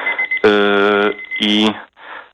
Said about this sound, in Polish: Czyżby wszystkim budzik to był? Nie, to nie był budzik, to był czas zaparzania herbaty. Właśnie mi minął, ale teraz rozmawiam, także nie ma problemu.